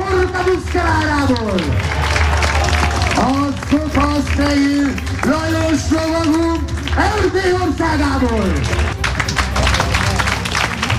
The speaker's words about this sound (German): Ja, Applaus für die Pferde und die Ritter dieses mittelalterlichen Spektakels auf der Burg Schümmelk, nah am Plattensee.